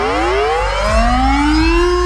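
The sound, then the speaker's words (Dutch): A loud Dutch civil defense air raid siren winds upward in a steady rising wail, its harmonic tones climbing in pitch over about two seconds, with a second lower tone sweeping up alongside. No one speaks. “Gisteren maakte minister Van Wil bekend dat het luchtalarm vanaf 2028 wordt wegbezuinigd en volledig wordt vervangen door een NL-alert.”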